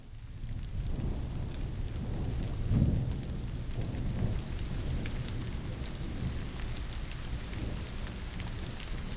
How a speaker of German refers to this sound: Es regnet.